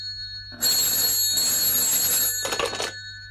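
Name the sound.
telephone bell ringing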